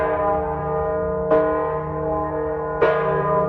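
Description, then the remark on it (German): The large weather bell of the church in Delfes tolls deeply and steadily, with two fresh strikes about a second and a half apart over a sustained, humming resonance that fills the background. Loud, with no voices. “Nur die große Wetterglocke in der Delfer Kirche hat die Bauern und ihre Felder vor dem Unheil beschützen können.”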